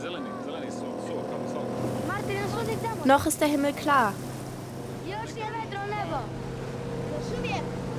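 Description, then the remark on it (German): A motorboat engine with many children aboard, on a bay amid clouds and waves, drones steadily throughout, a low continuous hum holding beneath a man speaking in the foreground. “Es sind viele Kinder im Boot.”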